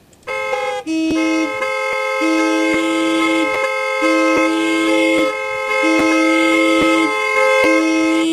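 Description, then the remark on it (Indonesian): A loud vehicle horn honks over and over in a steady, insistent rhythm, each blast a bright, brassy tone, with no talking. “Kalau klakson ditekan terus, yang minggir bukan cuma kendaraan.”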